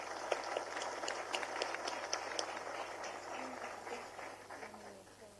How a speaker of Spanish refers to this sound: Destacamos la participación del profesor Manuel de Jesús Viedma, fundador de esta obra, y de su señora esposa, doña Emma Paoli de Viedma, para quienes solicitamos nuevamente un fuerte aplauso.